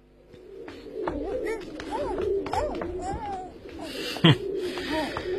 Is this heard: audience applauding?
no